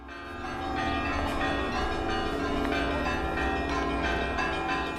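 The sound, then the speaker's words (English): Several church bells in the Baltic states peal together in a steady, overlapping clangor, ringing to greet German troops; their ringing tones sustained and fairly loud throughout with an open-air quality and no voices. “The German troops are greeted with the ringing of church bells.”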